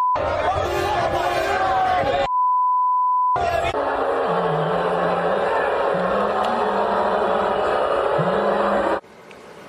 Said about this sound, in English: I've never heard so much beeping as I did watching local news and the game last night.